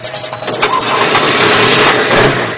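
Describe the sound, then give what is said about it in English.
A commandeered car's engine cranks with the key and catches, then revs up loudly and holds a steady roar, with no voices. “I'm not wiring the car. Try the key.”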